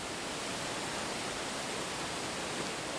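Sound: rushing water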